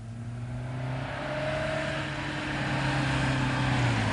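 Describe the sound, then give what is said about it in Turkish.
A car engine hums steadily with low tonal drones, growing slightly louder over a few seconds as the vehicle draws nearer. No voices are heard. “Araba geldi”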